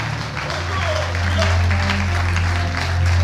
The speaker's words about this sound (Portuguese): Então aplaude e glorifica ao Senhor.